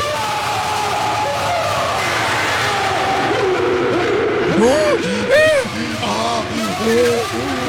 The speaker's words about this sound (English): If you're a guy, do the guy's scream. And it goes like this. Guy.